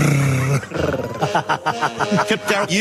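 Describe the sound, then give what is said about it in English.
A low, raspy growl rumbles loudly for about half a second, then gives way to a run of voiced, throaty sounds like speech, fairly loud. “growling like that is so off-putting.”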